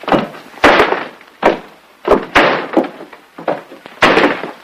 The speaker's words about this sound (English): They stand before a closed door scrawled with the words, "Keep out, storeroom." Jim opens it to reveal Bill dropping a nail barrel against the bare floor.